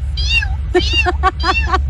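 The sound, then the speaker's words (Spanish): A person imitates a tiny kitten's meow with a string of four or five short, high, squeaky mews in quick succession, clear over a low steady hum, during a Radio Disney segment of animal sound imitations. “Pues mira, no sé si me salga muy bien, pero según esto es el maullido de un gatito chiquito.”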